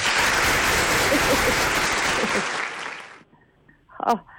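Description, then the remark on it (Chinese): A burst of dense crowd applause fills the first three seconds, then fades out quickly, followed by a brief sharp sound near the end. “咱听听老版本是啥样的味道，掌声响起啊。”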